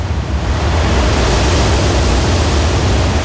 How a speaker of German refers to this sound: stehe ich nun vor diesem Wasserfall, den die Guides mitunter scherzhaft auch als Niagara-Fälle der Türkei bezeichnen.